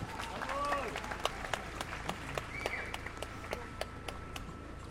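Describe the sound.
A crowd at a march in France applauds as Assa Traoré is introduced to speak: steady, scattered clapping over a constant murmur of voices, with occasional raised shouts or cheers rising above the noise.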